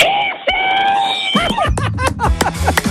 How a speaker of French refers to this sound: Mets dans la clôture et je veux que tu hurles le plus fort possible. Je veux que tu hurles ici.